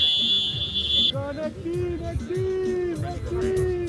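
A phone timer alarm marking the end of a 5-minute match rings out in a shrill, steady electronic tone for about a second, then cuts off, leaving a noisy crowd of voices talking underneath and afterward.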